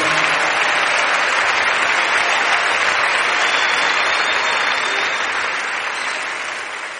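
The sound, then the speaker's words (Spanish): Sustained audience applause, a dense wash of many hands clapping at once, loud and steady throughout before gradually tapering off near the end. “Le más fuerte las palmas a él.”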